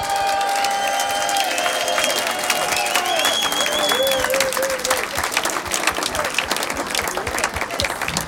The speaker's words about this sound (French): Alors là, je veux pas une salve d'applaudissements. Je veux un tonnerre, je veux un tsunami pour … et ….